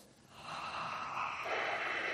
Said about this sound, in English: I hear a lot of heavy breathing, but nobody able to come up with the name Alan Moore.